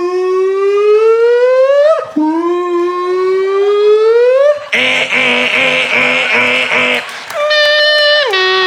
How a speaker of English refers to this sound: It's late at night, and you're laying there, and all of a sudden, outside, you hear a car alarm go off for like 46 minutes. You're just laying there.